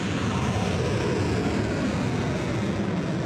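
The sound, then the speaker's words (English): A loud, continuous engine roar of missiles and drones launched by Iran at US military bases in Kuwait and Bahrain, a broad rushing blast that holds steady for a few seconds with no voices. “Iran launching missiles and drones at US military bases in Kuwait and Bahrain in the first attack since the 60-day ceasefire deal was agreed nearly 2 weeks ago.”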